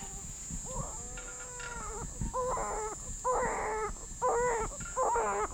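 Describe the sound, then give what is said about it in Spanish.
A baby cries from inside the mother's womb in a string of about five or six short, wavering wails that come in a steady rhythm, over a constant faint hiss, with no talking. “Está llorando desde adentro de la panza.”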